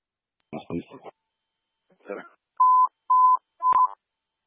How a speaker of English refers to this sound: Copy. Testing tones for station 8. Testing tones for station 8.